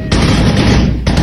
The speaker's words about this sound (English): Shots ring out as gunmen on motorbikes ride into a village in northwest Nigeria.